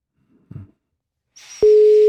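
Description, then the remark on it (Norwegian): After a faint muffled bump, a burst of line hiss gives way to a loud, steady electronic telephone ringback tone of an outgoing call placed from a studio, starting abruptly and holding to the end. “du som blir uppringt har I praksis 2 ring her I vår ende på dig før oss legger på.”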